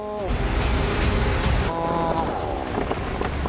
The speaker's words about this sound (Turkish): Rüzgar artıyor.